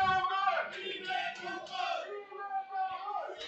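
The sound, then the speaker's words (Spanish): Las Rozas football fans shout and cheer their team on together during a match, a sustained, loud chorus of voices rising and falling in waves, with chant-like tones carrying over the noise. “La verdad es que se oye bastante a la afición ahí como gritan y como animan lo de las Rozas, como aprieta, ¿eh?”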